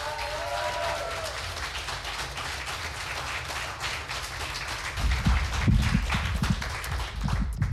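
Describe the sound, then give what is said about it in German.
A crowd applauds steadily and enthusiastically to welcome a young performer from Vienna opening the second preliminary round, a dense wash of clapping, with heavier thumps and louder bursts joining in over the last few seconds. “Heißt ihn bitte herzlich mit einem 10-Punkte-Applaus hier vorne willkommen.”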